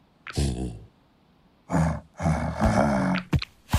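A bear growls in three rough, throaty bursts: a short one, a pause, then two longer rumbling growls, ending with a couple of quick snorts.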